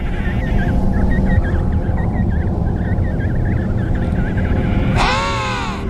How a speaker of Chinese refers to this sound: 一只帝企鹅发出了警报，提醒同伴注意危险。